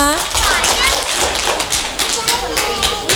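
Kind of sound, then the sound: crowd, audience clapping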